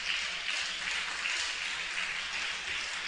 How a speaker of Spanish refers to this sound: Dale un aplauso a esta palabra. Dale un aplauso a esta palabra.